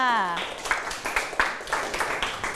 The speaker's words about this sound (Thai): เยี่ยมมากๆค่ะปรบมือให้กับเพื่อนค่ะ